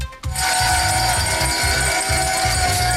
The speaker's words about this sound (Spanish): Es el tradicional sonido de la campana en la apertura de Wall Street y aplausos de Elon Musk y trabajadores de su empresa.